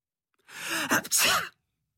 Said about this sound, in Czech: Kýchl …. A z nosu mu vyletěla obrovská nudle.